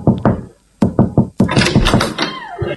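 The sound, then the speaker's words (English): Knocking on a front door: two quick raps, a short pause, then four firm, evenly spaced, loud knocks, followed by a burst of busy, muffled noise. “Let's just knock.”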